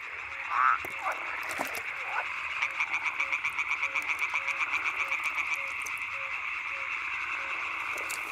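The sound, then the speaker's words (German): Frogs such as yellow-bellied toads and pond frogs croak in a chorus to attract females, with a fast, steady rattling trill from about 2.5 to 6 seconds over a continuous background of calls and a repeated soft pulsing note, with no voices. “Ob Gelbbauchunke oder Teichfrosch. Alle versuchen mit dem Gequake eine Partnerin anzulocken.”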